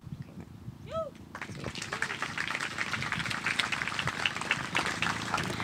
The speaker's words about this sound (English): Before I go to the next question, I know all the answers are really good, but if we cannot clap after every single response, I feel like we'll be here for ages.